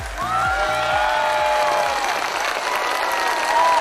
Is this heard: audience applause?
yes